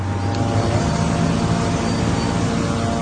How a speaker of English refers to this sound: I can hear surveillance drones above us. They're watching everything.